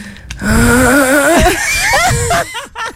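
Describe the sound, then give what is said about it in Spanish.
A person loudly imitates snoring with a drawn-out, wavering voiced rumble, followed by a few shorter, choppy snorting bursts, with no other talking. “¿Cómo es ese ronquido? Ese ronquido es este, es este.”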